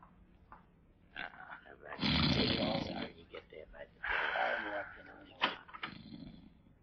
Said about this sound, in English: He's asleep, all right. I can hear him snoring.